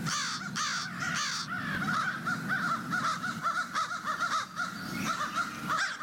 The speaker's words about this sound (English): That's really, really evident. And if you really listen to that, you really will hear back and forth. I mean, not just to hear a crow cawing and go, oh, it's making sound. It's making sound to influence other animals.